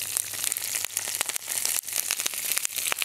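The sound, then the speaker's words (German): Broccoli sizzles in olive oil heated in a frying pan, a steady hiss with a dense stream of sharp crackles and pops. It holds at an even, fairly loud level, with no one speaking. “Das heißt, wir erhitzen in der Pfanne Olivenöl.”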